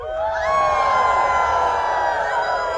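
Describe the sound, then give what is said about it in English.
At a Sasquatch calling contest on a full-moon night, a crowd of people howls together like wolves, many overlapping voices sliding up into long, sustained wavering tones that stay loud for about three seconds. “Can I hear a little full moon howl?”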